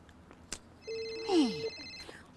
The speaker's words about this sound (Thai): เห็นมีใครโทรมาเลยไหนดูสิ